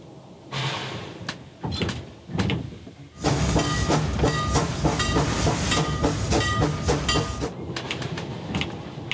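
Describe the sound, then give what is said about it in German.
A steam locomotive built in 1894 gives a few heavy, separate chuffs, then its wheels slip on a steep incline and the exhaust bursts into a loud, rapid, hissing rattle of beats, without talk. “Hier geht's ganz böse hoch. Da ist eine Steigung drin. Hören Sie, wie die schleudert.”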